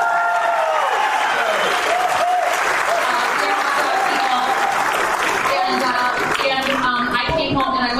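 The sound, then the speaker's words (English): A crowd bursts into sustained applause for the hot dog, dense clapping filling the whole stretch with a few whoops and cheers rising over it, loud and steady for about eight seconds. “And if you are good Midwesterners, please freaking clap for the hot dog.”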